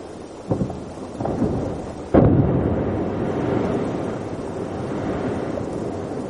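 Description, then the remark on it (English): Deep, thunderous cracking and booming as a glacier calves and huge chunks of ice crash into the ocean, a sharp loud impact followed by a long, rumbling roar with no voices. “It's actually a glacier calving. Humongous chunks of ice are breaking off the glacier and cascading into the ocean.”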